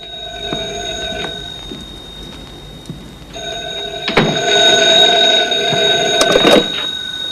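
A telephone in a bedroom rings with a steady, high electronic tone that holds throughout, swelling into a louder, brighter rattling ring near the end before cutting off; nobody speaks.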